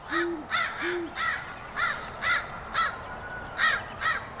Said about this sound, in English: Ooh, a crow's going to harass it, too, because owls will take almost anything, including baby birds.